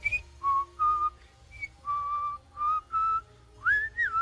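A clear whistled melody in a song, several sustained notes with short gaps, ending in a rising slide, over soft low instrumental accompaniment.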